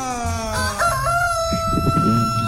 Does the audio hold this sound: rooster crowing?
yes